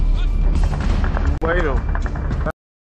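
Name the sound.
gunshots and explosions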